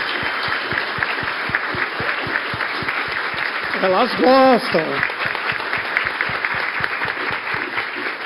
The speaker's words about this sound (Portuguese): Então, elas merecem uma salva de palmas, porque são sobre elas.